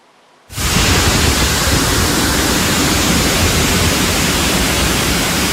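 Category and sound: nature, floodwater rushing through streets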